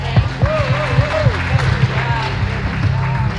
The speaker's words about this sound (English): We can do better than that. Let's give them a round of applause. That took grit, and they did it so well.